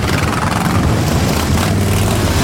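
A dense, steady roar of many motorcycle engines gathered in a long row, revving and pulling away together from the start point after the start signal of a ride by Stichting Rit en Rock. A loud low rumble with overlapping engine tones and no voices.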